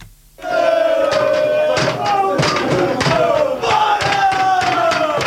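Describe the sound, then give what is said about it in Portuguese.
Torriense football fans roar and chant in euphoric celebration of a victory at a supporters' group clubhouse near the club's stadium, a loud, dense crowd sound sustained throughout, with rising shouts and sharp bursts punctuating the steady wall of voices. “A emoção dos adeptos falava muito mais alto.”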